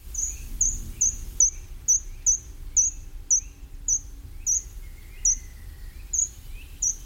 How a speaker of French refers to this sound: Si vous allez dans les bois, vous entendrez le grimpereau des jardins, avec ce petit chant très ténu et ce petit oiseau qui monte en spirale le long des troncs d'arbres.